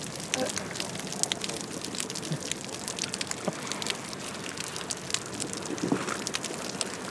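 Dense, continuous crackling and popping heard underwater, a steady wash of tiny sharp clicks with occasional louder snaps, fairly even in loudness throughout.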